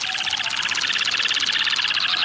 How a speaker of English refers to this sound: in a low, buoyant flight, issues a long series of hooting calls over areas frequented by females.